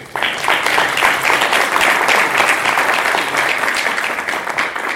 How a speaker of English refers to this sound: I believe the first thing is to thank our keynote speaker. Sure. Can you please clap?